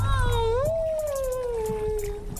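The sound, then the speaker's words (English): A long, drawn-out whale call, recorded by an underwater hydrophone in the Alaskan ocean, glides slowly up and then down in pitch, resonant and moaning, over a steady low rumble of underwater noise. “We would turn the boats off and drop a hydrophone in the water and sit out in the sort of the pristine Alaskan ocean in perfect quiet, sit with my toes in the water and my eyes closed, and we would listen to the whales.”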